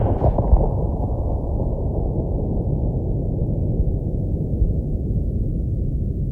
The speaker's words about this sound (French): Le canon là-bas a défoncé le soir profond avec un bruit de cataclysme, comme si des cyclones avaient heurté en route des typhons.